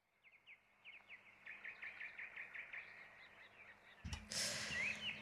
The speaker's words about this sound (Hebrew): טוב, אנחנו שומעים את הציפורים.